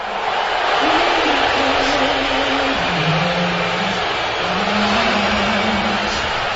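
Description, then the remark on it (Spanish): A large crowd at Madison Square Garden in New York boos as Donald Trump arrives and the national anthem begins, a low droning chorus of voices that rises and falls in pitch over a dense, unbroken roar lasting the whole stretch. “Un abucheo generalizado.”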